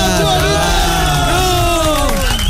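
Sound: audience applause and cheering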